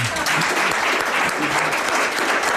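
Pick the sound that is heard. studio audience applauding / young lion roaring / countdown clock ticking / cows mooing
studio audience applauding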